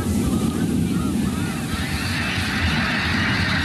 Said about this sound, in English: That big whoosh is the wings of 1,000 snow geese beating together, creating a rush of air like a passing freight train. Here it is one more time.